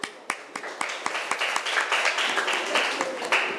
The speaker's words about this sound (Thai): ถูกต้องปรบมือให้เพื่อนหน่อยค่ะ